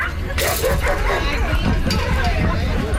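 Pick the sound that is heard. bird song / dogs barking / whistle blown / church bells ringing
dogs barking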